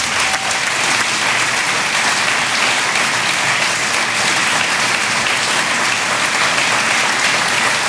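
A crowd claps steadily for several seconds, a dense, loud wash of overlapping handclaps that holds an even level throughout with no voices standing out.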